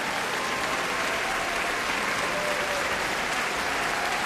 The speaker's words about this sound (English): And Isabel Leonard is applauding him. And now she steps forward.